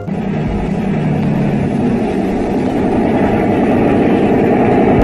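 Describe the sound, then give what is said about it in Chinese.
A loud, steady engine drone rumbles continuously with heavy low-end throb and no pauses, a speedboat motor running at sea. No voices are heard. “嗯，他妈的，这快艇难道是从海底钻出来的？”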